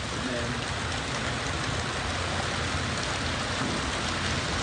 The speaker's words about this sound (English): Our roof is metal, and you can hear the rain. Anybody listening to the CD or on the video, you can start hearing rain probably in the background.